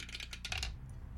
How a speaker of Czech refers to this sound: Seš napnutej, tak počkej, hele, beru kostku, jdu to tam šoupnout.